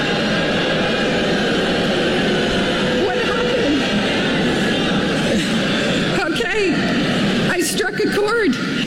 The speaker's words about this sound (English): Only to hear this at graduation. The rise of artificial intelligence is the next industrial revolution. They start booing her.